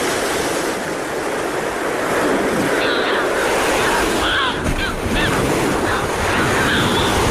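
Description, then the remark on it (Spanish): Audouin's gulls give a few nasal, harsh calls over a steady roar of ocean surf, the cries short, scattered across the second half and partly buried in the wave noise. “Estas son las dos especies que oiremos sobre las olas. La gaviota de Odowin.”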